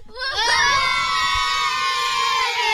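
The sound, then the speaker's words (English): A crowd of young supporters from Kilbeggindy and Bah cheers and shouts together in a loud, sustained burst of high-pitched voices that holds steady for a few seconds. “We're here till 6 o'clock, and I'm not on my own because I've got a lot of young supporters here from Kilbeggindy and Bah.”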